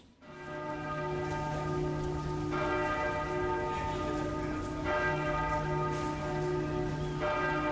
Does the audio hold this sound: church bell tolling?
yes